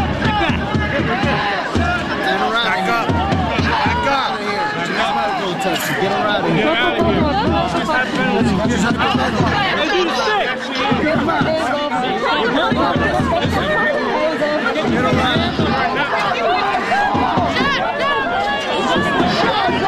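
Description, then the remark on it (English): An anti-ICE protest crowd outside the Newark, New Jersey Immigration Detention Center: many overlapping voices shouting and chattering at once, loud and steady for the full twenty seconds, with no clear individual words standing out. “You can see the anti-ICE protests are ramping up right now.”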